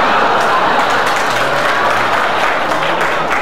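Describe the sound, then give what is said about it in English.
A crowd of onlookers gathered on a weekday makes a loud, steady wash of noise, with clapping-like crackle and a dense murmur that holds unbroken for the whole few seconds, with no single voice standing out. “You know, you're drawing a hell of a crowd for a weekday.”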